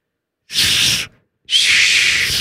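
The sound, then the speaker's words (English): A voice makes two loud, sustained hissing 's' sounds separated by a brief pause, the second hiss lasting longer and holding steady to the end. “He's got a little less miles when he does the S noise.”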